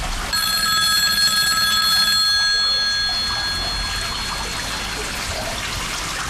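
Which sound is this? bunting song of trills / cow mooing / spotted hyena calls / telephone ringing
telephone ringing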